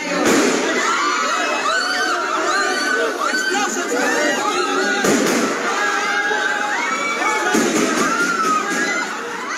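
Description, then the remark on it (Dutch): A crowd shouts and screams chaotically in an echoing hall at the parliament as police officers and soldiers enter, the din continuous and loud, while two or three sharp gunshots cut through the commotion midway. “In een hal bij het parlement zagen journalisten hoe agenten en militairen naar binnen kwamen en korte tijd later volgden er de schoten.”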